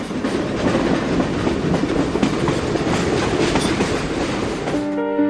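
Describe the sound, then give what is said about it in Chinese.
A train runs along railway tracks, a steady loud rumble with rapid rhythmic clacking of the wheels throughout, cutting off abruptly near the end. No one speaks. “因为每次发生这种事情，如果说咱们的列车司机采取了制动停车以后，我们处理完这些事儿以后，咱们的公务部门，铁路公务部门还会专门对咱们这段铁轨进行一个检查。”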